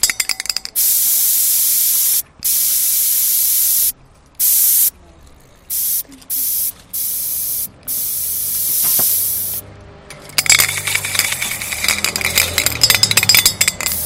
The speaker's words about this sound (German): Ein Stencil ist halt sowas, da nimmt man eine Schablone und sprüht halt einfach drüber. Und dann ist das Symbol oder die Schrift von der Schablone halt an der Wand dran.